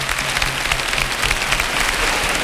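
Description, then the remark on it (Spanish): Dense, sustained applause from a large crowd greeting the Virgen del Rocío image at its altar, a steady roar of many hands clapping at once with no pauses, loud and continuous throughout. “¡Cómo llueven estos aplausos!”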